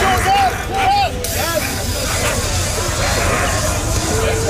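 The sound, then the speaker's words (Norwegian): A loud, steady hiss of tear gas sprayed by police at student protesters in the streets of Paris, France, as police push with shields, heard over a noisy crowd with overlapping shouts and a few sharp whistle-like cries near the start. “Her hører vi politiet I Paris spraye tåregass mot demonstranter.”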